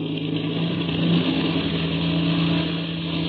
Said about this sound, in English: As daybreak neared, the famous pilot and Chuck Ramsey climbed into the cockpits of the black two-seater and warmed up the engine. Then they start their takeoff.